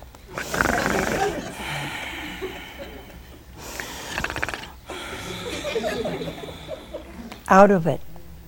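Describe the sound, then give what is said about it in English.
A person imitates loud snoring with their voice, as Adam asleep in a telling of the creation of woman: a few long, rasping snores separated by short pauses, ending in a sharp, higher snort. “And he was snoring.”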